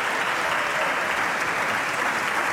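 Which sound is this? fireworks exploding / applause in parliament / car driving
applause in parliament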